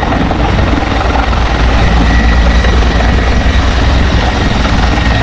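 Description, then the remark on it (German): A firefighting helicopter roars steadily and loudly overhead while fighting a wildfire from the air high up on a mountain, its heavy rotor thump and engine drone filling the air without pause, with no voices present. “Gerade ganz oben am Berg muss natürlich per Hubschrauber aus der Luft gelöscht werden.”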